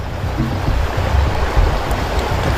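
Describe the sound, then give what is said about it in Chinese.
A steady trickle of water runs without pause, a thin stream poured from a hole punched in a bottle of mineral water, splashing continuously with a soft, hissing wash throughout onto soft and hard material to show how water forms river channels. “对，咱们扎个孔，用个细小的水流，跟这个缝差不多的就是一个比例。”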